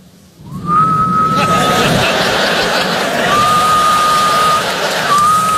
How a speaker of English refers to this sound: I don't have that dad whistle. I don't have it. This is my dad whistle. This is what I have.